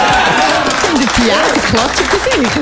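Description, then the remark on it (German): Steady, dense, loud clapping from a crowd fills the whole stretch while voices call out over the applause. “Die Tiere klatschen für sich, das stimmt auch, oder?”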